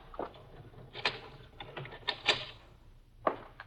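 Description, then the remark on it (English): A door being locked: a series of sharp mechanical clicks and clunks, irregularly spaced, with a louder metallic snap near the end and no voices. “First, we'll lock the door.”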